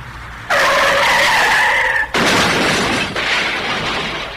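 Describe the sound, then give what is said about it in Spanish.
A truck carrying cows, its brakes failed going down a slope, skids with a loud, high squealing screech for about a second and a half, then gives way to a harsh, sustained crashing roar as it goes into an abyss, running to the end. “Pero al bajar por una pendiente, se le soplaron los frenos al camión.”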